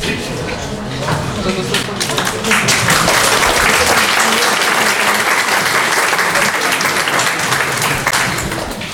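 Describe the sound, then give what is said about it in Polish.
Sustained audience applause at the opening of the Drezynownia event in Podkowa fills the space, dense and steady, many hands clapping at once and staying loud for several seconds, with a few voices faintly mixed in underneath. “Brawa są jakby świeże, ale nie tak tego roku.”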